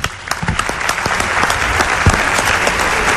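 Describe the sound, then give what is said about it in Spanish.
Steady applause from an audience fills the space, many hands clapping densely and continuously at a fairly loud, even level without any talking, in honor of a doctor present at the event. “Un aplauso para él”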